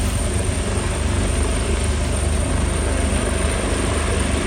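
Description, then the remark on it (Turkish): A rescue helicopter, used to rescue people stranded in their homes, drones steadily overhead, its loud, continuous rotor and engine roar filling the scene with a low rumbling throb and no voices. “Mahsur kalanlar helikopterlerle kurtarıldı.”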